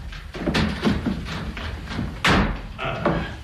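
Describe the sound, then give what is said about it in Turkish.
A door is handled and pulled open after someone calls for it to be opened, a string of hollow thumps and rattles with one sharper bang partway through, against faint background noise. “Murat, öldünüz mü yahu? Açın kapıyı.”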